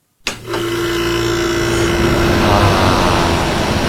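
A ceiling fan switches on and whirs steadily: a loud, even rush of air with a constant low motor hum running underneath, unchanging to the end.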